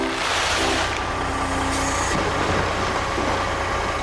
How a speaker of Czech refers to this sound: Nakladné auto?